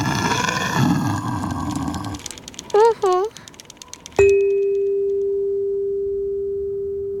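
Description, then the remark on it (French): A polar bear, a big white bear of the sea ice with long fur and big teeth, gives a deep, rumbling roar for the first two seconds, followed by a couple of quick chirping tones and then a single bright chime that rings out and slowly fades. “Et si tu regardes bien l'image, Toudou, tu verras un ours polaire dans le paysage. Un grand ours blanc avec de longs poils et de grandes dents.”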